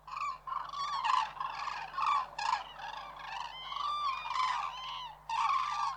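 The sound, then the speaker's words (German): A flock of common cranes calls continuously, many loud, trumpeting and rolling bugles overlapping in a dense chorus for the whole stretch, with no voices. “Der Kranich, der ist auch wieder so ein ganz faszinierender Vogel für sich selbst.”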